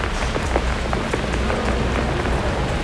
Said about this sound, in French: J'aime bien la pluie sur la ville. En plus, abrité sous un parapluie.